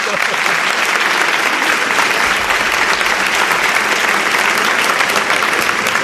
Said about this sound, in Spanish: No sé si os he pedido un aplauso para él, os he pedido un aplauso.